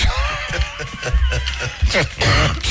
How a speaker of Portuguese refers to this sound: Não posso rir, não posso rir porque começa a tossir.